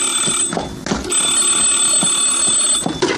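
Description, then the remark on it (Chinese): A telephone rings with a continuous, shrill, high-pitched electronic bell tone that stays loud and steady throughout, with faint clattering underneath and no talking. “电话，麦克。”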